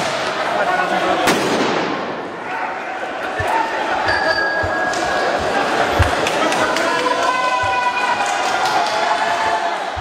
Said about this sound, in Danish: Politiet affyrede tåregas og brugte knipler mod demonstranter, der skød fyrværkeri efter urobetjente.